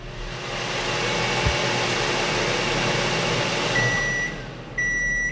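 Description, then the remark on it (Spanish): A microwave oven running at maximum power hums steadily with a broad whirring drone, then a few high electronic beeps sound near the end, with a brief pause in the hum between them. “acerque un poco la cadera al microondas y lo pone a tope, a máxima potencia”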